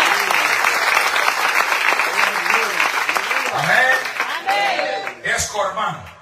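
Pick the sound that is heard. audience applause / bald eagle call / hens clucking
audience applause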